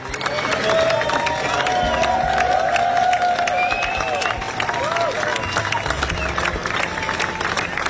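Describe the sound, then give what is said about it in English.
Hundreds of fans applaud a funeral procession bringing a late singer home through the Mumbles, the coffin draped in the Welsh flag: dense clapping sustained throughout, with scattered cheers and raised voices rising above it, loud and continuous for the whole stretch. “fans have burst into applause as they watched a procession bringing the late singer home.”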